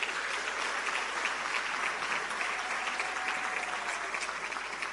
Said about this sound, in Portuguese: Aplausos.